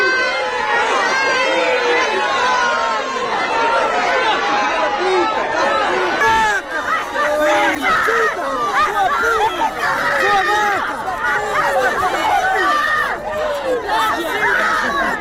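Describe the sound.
An agitated crowd clamors and shouts over one another in a dense, loud babble of overlapping voices, with sharp cries rising out of the continuous uproar, as a handcuffed woman leaves a courthouse amid several attempted assaults, escorted by GNR soldiers to a Polícia Judiciária car.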